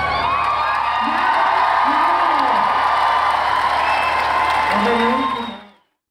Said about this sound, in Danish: Og i den sidste udgave i Valbyparken i dag, var det også den sidste gang, Jakob Haugaard var frontfigur efter 4 årtier. Og han blev klappet ud.